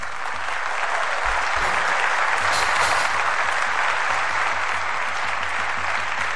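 A crowd of supporters applauds a wrestler as he walks to the oil cauldron, a dense, continuous wash of clapping that holds at full strength for several seconds without pause, with no speech heard.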